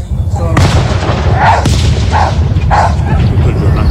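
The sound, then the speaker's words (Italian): A dog in a small field barks three times in an even rhythm against a loud, continuous backdrop of booming fireworks, with sharp bursts cracking through the rumble. “abbaiare sotto i fuochi che si vedeva, la trava questo cane”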